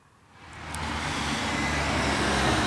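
Steady traffic noise at a local bus stop on Staneta Žagarja road, the main traffic artery of Kranj, at 6:22 in the morning, builds quickly into a broad, continuous roar of passing vehicles, fairly loud, with a low engine rumble underneath and no voices.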